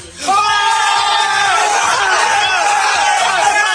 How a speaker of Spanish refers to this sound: Así eran sus gritos de euforia en un vídeo grabado